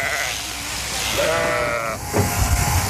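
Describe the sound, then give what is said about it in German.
A sheep being sheared, held sitting on its rump, lets out a single wavering, quavering bleat against a steady background of mechanical whirring and shuffling noise, with a brief rustling thump near the end. “Aber kein Schaf findet das besonders lustig, so auf dem Hintern zu sitzen, ne?”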